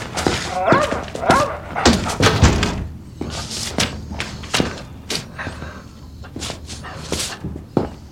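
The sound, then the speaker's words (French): A dog barks in repeated, uneven bursts mixed with whimpering, fairly loud, alongside scattered thumps and knocks that suggest movement. “Attrape le chien.”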